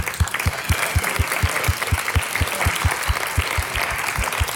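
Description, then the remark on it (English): An audience at the Glitches and Leaks event applauding themselves steadily, with a dense wash of clapping over a regular, fast thumping pulse, loud and sustained throughout with no voices heard. “That's your applause. Give it up for yourselves.”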